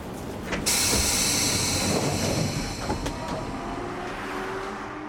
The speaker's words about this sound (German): Will er mit dem Bus fahren? Tatsächlich.